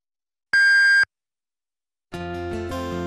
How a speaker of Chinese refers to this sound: 东莞交通音乐广播，敬请您准确对时。 北京时间10:00